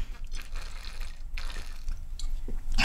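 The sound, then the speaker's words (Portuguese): Quiet liquid sounds of someone taking a quick sip of water, with small wet swallowing and gulping noises and a brief sharper clink or slurp at the very end. “Toma uma aguinha aí. Dá pra subir BG aí? Ou toma água rapidinho aqui?”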